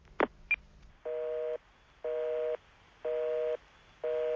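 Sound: telephone busy tone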